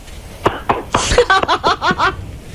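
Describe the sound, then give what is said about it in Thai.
A few sharp hand claps land in an uneven burst as a person claps for themself, followed by a short run of rhythmic, breathy laughter. “แล้วตบจริงด้วย”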